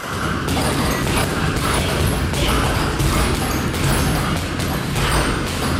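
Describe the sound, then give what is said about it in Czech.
Repeated boxing punches thud in a steady, uneven rhythm, muffled from behind a door, over a constant dense background rumble, during a private boxing lesson with a trainer giving instructions at a gym in a sports centre in Pardubice, Czech Republic. “A zpoza dveří se už ozývají údery a pokyny trenérky.”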